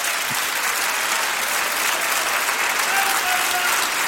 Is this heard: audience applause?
yes